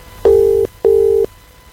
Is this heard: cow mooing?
no